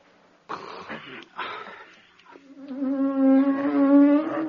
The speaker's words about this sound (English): A bee. A bee. A bee. See?